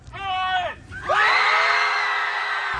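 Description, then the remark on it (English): A group of people at a screaming club gathering yells together in two long, loud bursts: a shorter shout that drops off, then a bigger sustained one that rises and holds, raucous. “… says he wants to keep the club simple. Show up and yell.”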